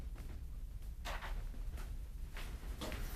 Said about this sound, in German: Mach die Tür zu.